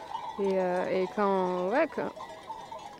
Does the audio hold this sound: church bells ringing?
no